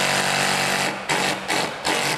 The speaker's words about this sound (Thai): อันนี้มันเอาไว้เจาะปูนแต่ว่าจริงๆแล้วเอามาอะแดปต์ใช้เท่านั้นเอง